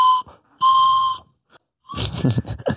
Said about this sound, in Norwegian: Tror dere klarer en Tøyen Holding-sang på fløyta?